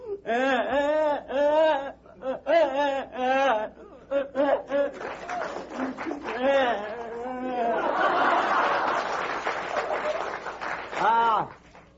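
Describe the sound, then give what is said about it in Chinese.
A voice imitates a child crying: loud sobbing wails in repeated rising-and-falling bursts, with a wash of audience noise swelling midway before a final wail. “正这功夫，孩子哭着进来了。”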